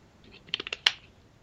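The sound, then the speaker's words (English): A quick, wet slurp from a drink: a few crackly, bubbly pops in quick succession ending in one sharper burst, fairly soft and with no talking. “Another slurp here.”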